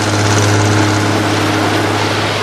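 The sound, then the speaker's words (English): A boat engine rumbles loudly, a steady low drone with a droning hum that eases slightly toward the end as the boat slows and is put into neutral. No one speaks. “The boat slows, and the line changes direction.”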